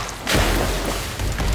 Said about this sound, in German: Schüsse peitschen durchs Wasser. Irgendjemand hat es offenbar eilig.